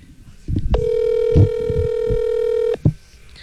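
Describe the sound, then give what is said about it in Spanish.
A phone's ringback tone sounds once as a steady, mid-pitched electronic buzz lasting about two seconds, over a low rumble of background noise and faint murmuring. “Ahí le está marcando, ahí le está marcando. A ver si contesta.”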